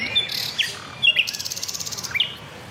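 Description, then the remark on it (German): A nightingale sings in varied phrases: sharp whistled notes, then a rapid, evenly spaced rattling trill, ending with a bright whistle over faint background hiss. “Und die Nachtigall kombiniert im offenen Park unzählige Strophen immer wieder neu.”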